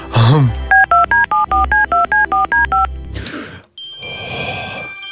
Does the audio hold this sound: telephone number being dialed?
yes